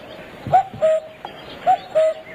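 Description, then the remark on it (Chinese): A common cuckoo calls its clear two-note 'cu-ckoo' twice in steady rhythm, the first note a little higher than the second, moderately loud over a faint background hush. “布谷布谷是布谷鸟，是布谷鸟的声音。”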